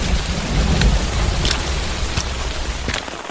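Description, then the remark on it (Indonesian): Light, steady dawn drizzle at the site of a landslide in a village patters down in a continuous hiss, with scattered brief drop ticks and a low rumbling undertone, no voices present. “di tengah rintik hujan subuh langsung meninjau bekas longsoran.”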